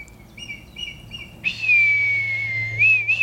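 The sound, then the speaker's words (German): A man whistles to communicate with red kites: a few short, high tonal notes, then one long sustained whistle that slowly drifts downward and lifts briefly at the end, clear against a quiet outdoor background. “Manchmal habe ich das Gefühl, dass ich auch einfach nur pfeife, um mich so mit denen zu verständigen, dass sie merken, okay, das ist jetzt kein Feind, ich muss jetzt vielleicht keine Angst haben.”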